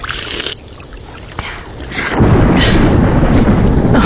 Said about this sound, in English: Oh, it would rain.